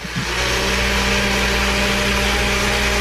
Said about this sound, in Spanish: Buena idea, Bueno, entonces yo decía, bueno, sí está en la casa porque está prendiendo la licuadora.